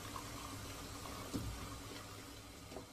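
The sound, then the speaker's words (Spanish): At a stove, a man pours coffee from a coffee pot into a cup he places with his left hand. The stream is steady, continuous and gently trickling for a few seconds, fairly quiet, with a faint clink partway through and no voices. “Extrae la cafetera de una tetera y lo sirve en una taza que ubica con su mano izquierda.”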